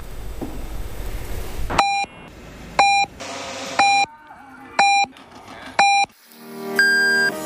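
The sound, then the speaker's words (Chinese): Five short, evenly spaced electronic beeps sound one second apart, followed by a longer, sustained final tone, the classic radio time signal pips marking 7 o'clock Beijing time, over a faint background bed. “北京时间7点整”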